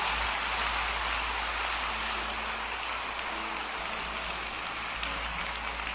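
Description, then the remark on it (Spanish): An audience applauds the King of Kings and Lord of Lords steadily for several seconds, a dense, even wash of many hands clapping together with no voices rising above it. “¿Le das un aplauso al Rey de Reyes y al Señor de Señores?”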